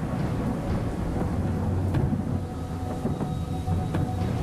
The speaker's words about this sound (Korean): 그러자 갑자기 하늘에서 천둥 번개가 치고 장대 같은 비가 쏟아지기 시작했습니다.